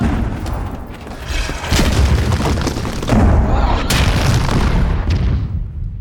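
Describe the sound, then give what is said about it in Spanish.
Heavy cannon fire from an attack by the ship the Black Pearl, with fire being returned, booms repeatedly, deep low-end blasts with sharp cracks around the second and fourth marks, over a continuous rumbling roar with no talking. “¡Contesten el fuego! Esos cañones.”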